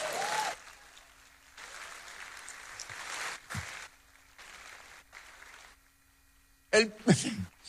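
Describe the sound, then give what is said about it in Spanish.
An audience claps in several broad, noisy bursts of applause that swell and fade, separated by short lulls, in answer to a call to applaud if they believe in the rapture of the church, before a voice starts speaking at the very end. “Si hay alguien que lo crea, dé un aplauso.”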